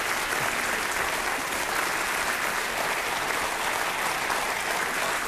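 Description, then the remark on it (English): Sustained applause from an audience, a dense, steady wash of many hands clapping at an even loudness throughout, with no voices standing out. “And I tell you what, they mean that, because I didn't even ask them to clap at that point. They just did it.”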